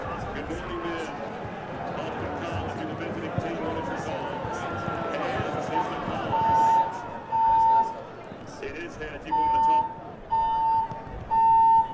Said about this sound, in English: As seems to be an alarm going off here. We apologize for the All right, we'll be back with more coverage shortly. We'll have to evacuate the building. There's declared a fire emergency, so we're going to pause here for now